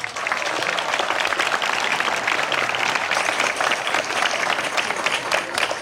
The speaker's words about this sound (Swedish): Men först ger vi en varm applåd till vår nationaldagstalare